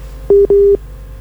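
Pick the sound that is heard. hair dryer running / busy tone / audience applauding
busy tone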